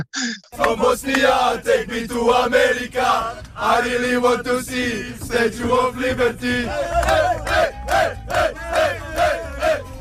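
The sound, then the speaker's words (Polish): Bosnia and Herzegovina national football team players chant a song together in loud, rhythmic unison, with rising and falling phrases and sharp accented shouts punctuating the beat, inside their team bus on the way to training. “Bo oni zmierzali z pieśnią na ustach”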